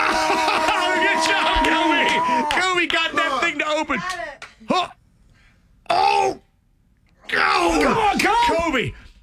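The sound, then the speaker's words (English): A woman screams and moans during childbirth: loud, drawn-out, strained wails rising and falling in pitch in several long bursts separated by brief silent gaps. “is screaming.”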